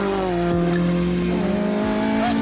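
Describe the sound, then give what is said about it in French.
The rear-mounted Honda engine of a classic Mini with over 250 horsepower roars loudly through an open exhaust, holding a steady, raspy drone with a slight rise in pitch near the end. No one speaks. “En fait, c'est simple, le moteur il est là. Il est là, donc il est en direct, échappement libre.”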